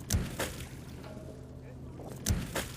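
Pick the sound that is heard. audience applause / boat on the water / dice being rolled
boat on the water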